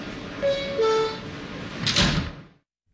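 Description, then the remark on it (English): A two-note descending chime rings out, then subway train doors slide shut with a brief rush and solid thump, fairly loud, followed by sudden silence. “Stand clear of the closing doors, please.”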